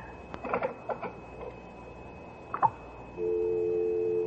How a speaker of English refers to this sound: There's no one on the line. It's just a dial tone.